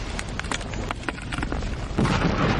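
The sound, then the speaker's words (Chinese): A landmine explosion set off by a rock rolling down the mountain: a heavy boom with rumbling, crackling debris that keeps going and swells louder near the end, with no voices. “山上滚下一块石头，正巧砸响了一颗地雷。”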